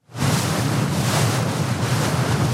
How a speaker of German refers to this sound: An diesem Morgen ist das Meer grau. Der Wind hat die Wellen aufgepeitscht. Das Lotsenboot der schwedischen Schifffahrtsbehörde hat gerade den Hafen von Helsingborg verlassen.